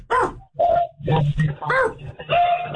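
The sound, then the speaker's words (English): A dog barks and yelps repeatedly in loud bursts, heard over a caller's phone line during a radio show, with a muffled phone-line quality and some background voices mixed in. “I gotta take this off the speaker. The dog.”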